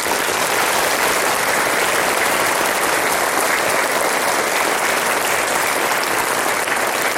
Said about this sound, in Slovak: Už každý druhý obyvateľ Slovenska, podľa posledného prieskumu agentúry MNS, dôveruje vysielaniu Slovenského rozhlasu. A to si zaslúži veľký potlesk.